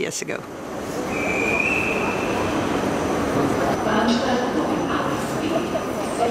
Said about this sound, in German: Und wieder stehe ich in Wien am Bahnhof. Auf dem Weg ins oberösterreichische Traunkirchen.